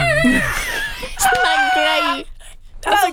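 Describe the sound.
A shrill, screechy voice sings an a cappella rendition of a song, loud, its pitch wavering and sliding through a few drawn-out notes with a brief pause near the end.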